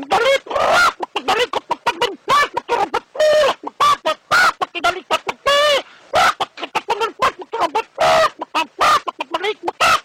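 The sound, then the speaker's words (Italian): A rooster clucks and squawks in a rapid, busy stream of short calls, loud, with a few longer cackling bursts and no pause for the whole stretch. “come arrivo lì vicino il gallo apre un occhio, mi guarda e mi dice...”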